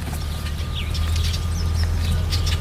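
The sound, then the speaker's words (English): Several birds, including warblers, mallards and red-winged blackbirds, sing and chirp in a backyard in the Box Canyon, Telluride, short bright calls overlapping over a steady low outdoor rumble, with no one talking. “But there are warblers and mallards and red-winged blackbirds and all kinds of birds sharing our backyard here in the Box Canyon.”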